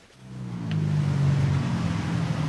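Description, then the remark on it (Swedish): Cars and small motorcycles rush past on a hot, sunny street in the Chai Kwang district of Bangkok, Thailand, a steady low engine rumble swelling after a quiet start and holding loud, with no voices. “Bilar och små motorcyklar susar förbi på Bangkoks heta gator.”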